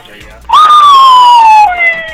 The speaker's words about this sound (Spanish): No puede ser, la patrulla, ya nos cayeron.